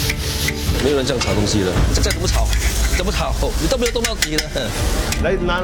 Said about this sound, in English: 没有人这样炒东西的，这再怎么炒，你都没有动到底了。来拿下来，不是这样的。 Today haven't finished frying, around 150 kg, a lot.